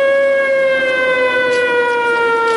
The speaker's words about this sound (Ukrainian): Під час зйомки лунає тривога. Спочатку до укриття йдуть одиниці.